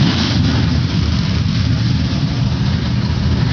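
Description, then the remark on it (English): Some 33 NASCAR Craftsman Truck Series racing trucks start their engines together on command at Lime Rock Park, a dense, steady, loud roar, a thick low rumble holding constant without pause and no voices. “Some 33 NASCAR Craftsman Truck Series machines come to life as the command is given and we get set for the green flag.”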